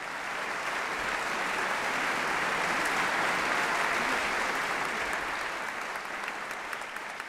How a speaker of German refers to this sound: Applaus bekommt Gabriela Montero nicht nur für ihren Auftritt mit Mozarts Klavierkonzert.